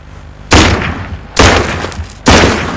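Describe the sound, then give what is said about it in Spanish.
Three loud revolver gunshots fired into the ground ring out at a steady pace, each a sharp, full-bodied crack followed by a trailing, rumbling decay that fades before the next shot. “Pon la punta con el revólver a Jack.”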